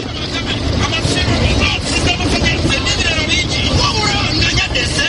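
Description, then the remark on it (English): A busy roadside scene in Mbuya, south of Kampala, Uganda, with steady, loud traffic noise from cars and trucks rumbling as trucks load and offload goods at small factories and women sell food to truck drivers, mixed with a crowd of indistinct voices chattering throughout. “Women are selling food to truck drivers loading and offloading goods at the small factories nearby.”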